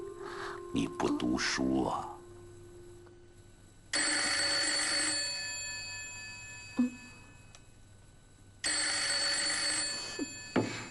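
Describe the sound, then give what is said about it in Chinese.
An old-style telephone bell rings loudly in two long, rattling bursts with a short pause between them, after a brief burst of vocal sound at the start. “梅姨拿起了叮叮当当的电话”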